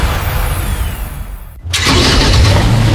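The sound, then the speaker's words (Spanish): A Kia Soluto car engine rumbles steadily, then after a brief dip it roars up louder and revs, holding a strong growl to the end. No one speaks. “Hay autos que compiten y hay autos que reinan.”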